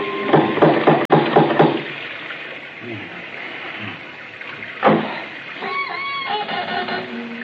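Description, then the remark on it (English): A quick run of sharp, ringing knocks from a door knocker, about half a dozen in a fast rhythm, followed by a pause and then voices talking. “There isn't a bell on this door. There might at least be a knocker.”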